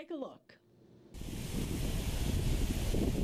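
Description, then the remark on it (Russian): A brief voice at the start gives way to a loud, steady roar of sea waves washing onto a Mediterranean beach in Tel Aviv-Jaffa, Israel, on a calm, sunny day, with some wind buffeting the microphone. “На Средиземном побережье Израиля раскинулись прекрасные пляжи.”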